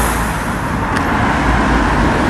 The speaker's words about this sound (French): Eh bien, pour se faire une idée de la situation, écoutez d'abord la circulation qui régnait hier matin aux alentours de 11h au centre de Lunel-Vielle.